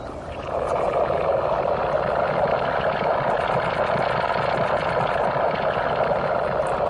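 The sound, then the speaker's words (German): A recording from inside a compost heap, presented as an acoustic installation at an art festival: a dense, steady rumbling hiss with a low, churning texture and faint crackles, starting quickly and holding an even loudness throughout, with no voices. “Das Innere eines Komposthaufens haben Sie da gehört.”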